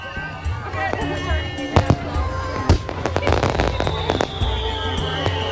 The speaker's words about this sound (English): Your fireworks are drowning it out.